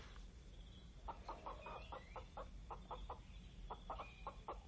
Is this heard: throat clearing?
no